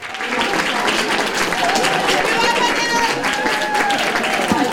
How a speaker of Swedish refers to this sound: med jubel och applåder av fans som hade samlats där